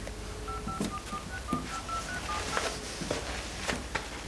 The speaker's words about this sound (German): Probier's einfach noch einmal. Ja, ich mach mal Wahlwiederholung.